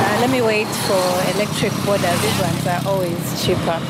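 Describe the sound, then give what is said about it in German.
A conventional combustion-engine motorcycle taxi idles with a steady, low rumble, while people talk over it throughout. “Der Auspuff zeigt ihr sofort an, dies ist ein herkömmliches Motorrad mit einem Verbrennermotor.”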